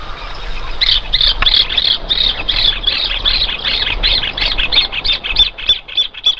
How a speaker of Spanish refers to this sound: Por ejemplo, miren, con su teléfono pueden escuchar esto. El clásico sonido del hornerito, ¿no?